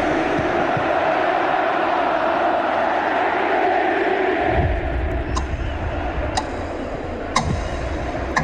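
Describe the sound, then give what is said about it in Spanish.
A huge stadium crowd gives Lionel Messi an official ovation, heard in a CONMEBOL homage video, roaring loud and steady throughout, with a few sharp percussive bursts cutting through in the second half. “Recibe esta ovación oficial de su gente.”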